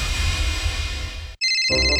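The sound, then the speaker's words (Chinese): A phone ringtone plays loudly for a suspicious incoming call, a steady electronic melody that cuts off briefly, then resumes with brighter, higher tones. No one speaks. “收到可疑来电，不知道听不听好。”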